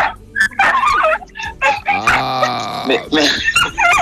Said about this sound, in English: Whoa, your dog's in the background.